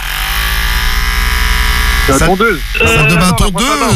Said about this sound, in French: La tondeuse. Bonne réponse